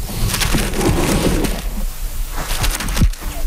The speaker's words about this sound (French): Crapaud des bois.